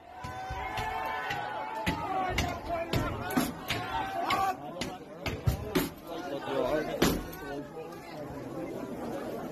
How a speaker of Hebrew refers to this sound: אז מה שאנחנו שומעים כאן זה את אותם מפגינים או מתפרעים דופקים על דלתות, בועטים בהם, מנסים לפרוץ לתוך בתים